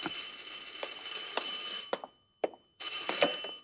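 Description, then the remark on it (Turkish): A telephone rings loudly, a shrill metallic bell trill lasting about two seconds, then a brief pause before the next ring begins. No one speaks. “Sepetçi karakolundan telefon ediyorum.”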